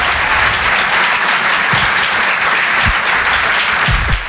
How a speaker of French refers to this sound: Rire et chanson. Je vous demande d'applaudir très chaleureusement, s'il vous plaît, sur Rire et chanson, Anne Roumanoff.